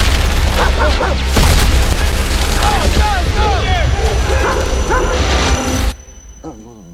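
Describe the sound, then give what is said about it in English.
In a scene from the film Heart of the Beast, Owen, a combat scouting dog, barks and yelps repeatedly amid a dense roar of booming blasts and rapid gunfire, all loud and chaotic, before the din cuts off abruptly into near quiet with a faint whimper. “Owen was a combat scouting dog.”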